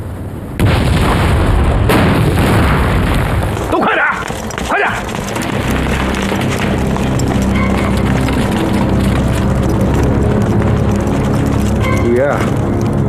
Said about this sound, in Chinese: 怎么回事啊？什么东西爆炸了？ 是谁往我院子里扔了颗手榴弹？